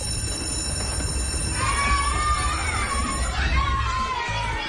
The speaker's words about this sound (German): Ja, nach der ersten Klingel, da jubelt man noch. Irgendwann freut man sich vor allem, wenn die letzte Klingel des Tages tönt.